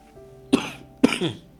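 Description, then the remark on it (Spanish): Two short, harsh coughs about half a second apart, fairly loud, from a speaker who has a cough during a Spanish-language sermon, with a faint steady hum in the background and no talking. “Hoy estamos un poquito con tos, pero estamos todavía, ¿eh?”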